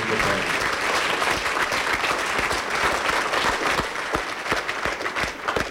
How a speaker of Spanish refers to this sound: Hermanos, por favor, brindémosle fuertes aplausos.